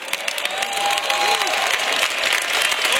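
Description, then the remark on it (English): A church crowd applauds steadily for about three seconds, a dense, even patter of many hands clapping with scattered faint voices and a brief whistle-like tone mixed in, after the pastor mentions his 36th year as pastor of the church. “Y'all clapping, but go ahead, look at your neighbor.”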